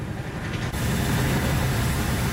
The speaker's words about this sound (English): The sound there of Royal Marines descending from ropes from a hovering helicopter.